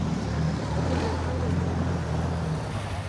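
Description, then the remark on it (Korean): A steady, low boat engine drone runs throughout, with a constant hum and a broad wash of noise above it, as a motorboat cruises on the water at an even speed. “이 보트 일은 얼마나 하셨어요?”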